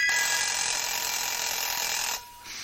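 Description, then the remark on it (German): A loud, continuous metallic ringing of a bell alarm clock rattles on for about two seconds, stops abruptly, then starts up again briefly. No voices are heard. “Der Wecker.”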